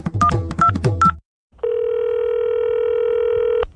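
A quick run of telephone keypad tones, each a short two-pitch beep, as a phone number is dialed to call the Child Line helpline, followed by a brief pause and then a steady ringing or dial tone held for about two seconds before cutting off.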